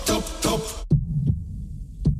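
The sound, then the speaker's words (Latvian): A short wash of bright, noisy sound cuts off into a steady low heartbeat: a paired lub-dub thump followed by another beat, deep and muffled, with a faint hum between. “Dzirdi savu sirdi.”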